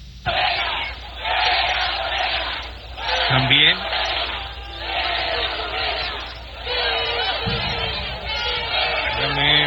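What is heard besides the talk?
fans chanting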